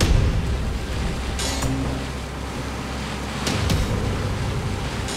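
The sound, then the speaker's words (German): A motorboat's steady low engine drone runs throughout over splashing water and wind, with brief bursts of spray and chop around the middle and near the end, as water police order the boat to stop. No voices. “Stoppen Sie Ihr Boot. Ich wiederhole, stoppen Sie Ihr Boot.”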